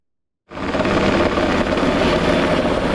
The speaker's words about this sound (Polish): Policyjny śmigłowiec Black Hawk co kilka minut nabiera wody z pobliskiego zalewu i zrzuca ładunek nad płonącym obszarem.